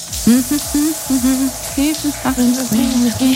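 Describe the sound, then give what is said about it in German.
A voice sings a wordless, wavering melody in the middle register, phrase after phrase, under a running shower in the morning, with a steady hiss of shower water that fills the whole clip. “Wir haben auch heute Morgen wieder unter der Dusche gesungen und ihr versucht herauszufinden, welcher Song es sein könnte.”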